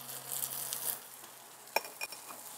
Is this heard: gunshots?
no